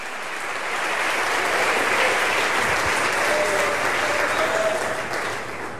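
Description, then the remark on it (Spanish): An audience applauds the Holy Spirit steadily, a dense, even wash of clapping that swells in and holds for several seconds before easing off slightly at the end. “Dale un aplauso al Espíritu Santo, aleluya.”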